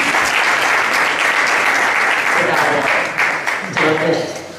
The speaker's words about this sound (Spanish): Y don Miguel Ángel de Cuento, el alcalde de Leganés, ¿quién mejor para contarnos un poquito más de Pay for Life? Un aplauso, por favor.